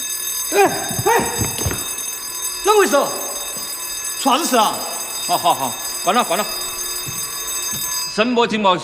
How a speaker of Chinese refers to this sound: 哎哎，啷回事？啥子事啊？好好好，关了关了。声波警报器怎么样？高灵敏度。